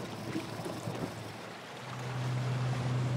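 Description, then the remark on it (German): An inflatable boat moves across the sea, its outboard motor droning low beneath steady wash of water and wind, the engine tone swelling louder and steadier toward the end. No one speaks. “Ihr Schlauchboot ist für längere Distanzen ungeeignet.”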